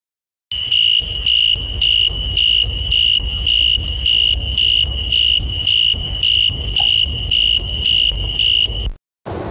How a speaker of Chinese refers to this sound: 晚上我们在散步的时候，经常会听到一种虫子发出的声音很有穿透力，它不是蝉，也不是蟋蟀，而是竹蛉。